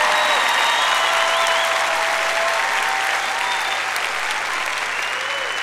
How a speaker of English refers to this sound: You might as well clap louder than that, because I ain't going to shut up till you get this.